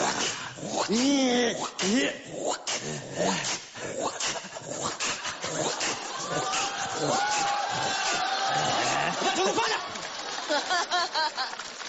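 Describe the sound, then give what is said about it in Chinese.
A man acting a role yelps, whines and growls, imitating a household dog, in a string of loud vocal bursts, while an audience laughs and cheers throughout. “学我们家狗啊？我们家狗就这样，狗就这样。”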